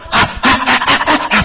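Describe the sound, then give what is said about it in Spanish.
A person imitates a nursing baby's eager breathing as it seeks its mother's breast, puffing out about five quick, rasping pants in a steady rhythm, fairly loud. “Hasta algunos, sí es cierto, algunos hasta la respiración, y empieza a mover la cabecita.”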